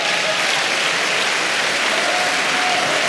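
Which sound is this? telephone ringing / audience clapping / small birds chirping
audience clapping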